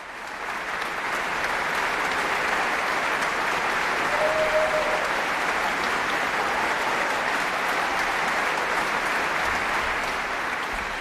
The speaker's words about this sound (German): Ja, und das ganze Orchester erhebt sich, nimmt den wohlverdienten Applaus entgegen, denke ich.